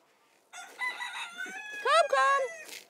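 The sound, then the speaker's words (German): Chickens cluck and squawk as their owner tries to catch them, starting with a long, drawn-out warbling call and then breaking into a few sharper, rising squawks. The calls are moderately loud and stand alone without talking. “So, jetzt können wir erstmal hier unsere Hühner einfangen.”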